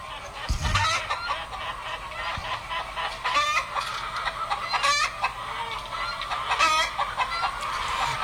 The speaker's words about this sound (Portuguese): Acorda, meu povo! Acorda que a galinha tá cantando, o galo tá cantando, olha o puleto todinho aí.